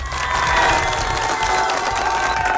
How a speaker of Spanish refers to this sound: Ahora sí, fuerte los aplausos para la cumpleañera.